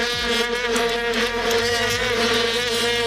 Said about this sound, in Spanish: Johannesburgo, 11 de julio de 2010, en las gradas un molesto, pero al que nos acabamos acostumbrando, zumbido permanente que provenía, seguro que lo recuerdan, de aquellas largas trompetas de plástico, las famosas vuvuzelas.